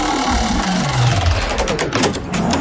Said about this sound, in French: J'envoie la roulette des jeux.